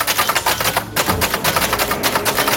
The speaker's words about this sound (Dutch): Daarom bedacht iemand uit Overijssel een andere manier om de frustratie af te reageren. Hij zette in de bibliotheek in Zwolle een hele rits oranje typemachines neer waar mensen lekker op kunnen rammen op die toetsen.